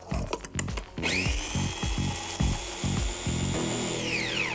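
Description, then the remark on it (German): A few quick clatters, then a blender motor whirs up to a steady high whine for about three seconds as it grinds Timut pepper with a little flour, the contents making rhythmic, pulsing thumps before it winds down. “Ein bisschen Mehl mit dem Pfeffer rein in den Mixer und das alles schön zermahlen.”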